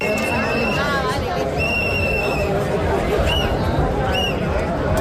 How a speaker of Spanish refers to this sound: Así suenan esas protestas de algunos vecinos que han colocado pancartas en la fachada, golpeado la puerta